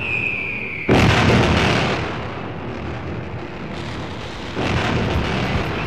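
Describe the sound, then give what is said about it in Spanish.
A loud crack of thunder bursts in after a brief high whine, then rolls into a long, heavy rumble that swells again near the end, opening a national rock album. No voices, just the storm. “Y sí, damas y caballeros, ya saben que cuando arranca así, con esa tormenta, se viene uno de los mejores discos del rock nacional de todos los tiempos.”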